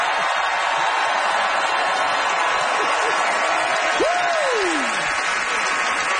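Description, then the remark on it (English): Steady, dense applause from the audience of The Debaters comedy show for Wasim Al-Munzer and Simon Rakoff fills the whole clip, a continuous wash of clapping, with a brief rising-and-falling whistle-like tone cutting through partway in. “Big hand for Wasim and Simon Rakoff, everybody.”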